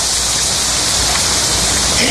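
Steady, dense hiss of rain falling continuously and fairly loud, an even wash of sound with no distinct drops or pauses across the short stretch.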